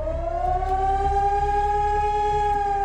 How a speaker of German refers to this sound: Heute ist wieder bundesweiter Warntag. Im Ortenaukreis heulen die Sirenen in insgesamt 32 Kommunen. Auch Rastatt und Baden-Baden beteiligen sich an dem Testalarm.